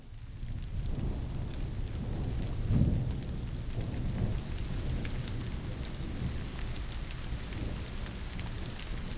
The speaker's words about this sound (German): Es regnet.